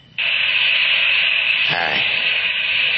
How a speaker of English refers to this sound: It is chilly in here. A little more cold water on the hot rocks.